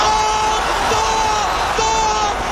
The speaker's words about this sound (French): Ce soir, Argentine 1978, sous les clameurs du mondial, la répression et la torture. Vous entendez les hurlements du stade.